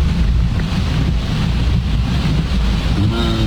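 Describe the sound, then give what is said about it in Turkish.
A steady, loud rush of floodwater flowing fast down a street in heavy rain under the bridge at Mecidiyeköy, a broad continuous roar with wind buffeting the microphone, and a faint engine hum rising near the end. “Abi öyle böyle yağmıyor. Şeye bak. Şuradan gelen suyun hızına baksana ya.”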